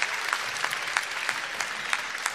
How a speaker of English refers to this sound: Ah, fantastic. Give us a little big burst. Big burst of applause.